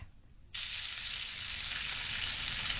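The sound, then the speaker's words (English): Bacon frying in a pan: after a brief quiet moment, a loud, steady sizzle of dense crackling and hiss starts abruptly and continues without pause, bright. “Okay. Bacon. Correct.”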